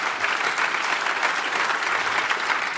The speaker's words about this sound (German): Dankeschön, dass du bei uns bist. Dein Applaus natürlich auch nochmal.